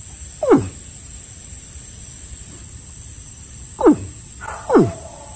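A caiman in Vega Baja lets out three short bellowing calls that slide from a groan down to a deep rumble, one alone and then two close together, over a steady background hiss.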